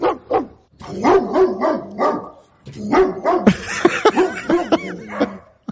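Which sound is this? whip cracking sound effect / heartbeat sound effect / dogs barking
dogs barking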